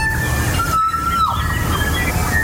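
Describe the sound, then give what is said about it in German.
A kokako, a rare bird from New Zealand, calls with a long, pure, organ-like note held steady and then sliding downward, with fainter high tones before and after, over a constant low rumbling background. “dieses Geräusch von einem Kokako braucht Hollywood, um solche Geräusche draus zu machen.”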